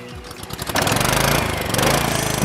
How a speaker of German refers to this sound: Rasenmäher.